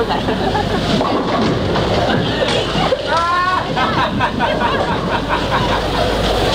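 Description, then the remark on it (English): Ambience at 3 a.m. in an all-night bowling alley near London Airport, with a queue of people waiting their turn to play: a steady, loud hubbub of overlapping voices over a continuous low rumble, with scattered clattering knocks running throughout. “3 a.m. an all-night bowling alley near London Airport, and a queue of people waiting their turn to play.”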